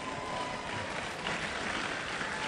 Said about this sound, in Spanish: Se les entendió mejor, se les entendió mejor. Bravo, un aplauso.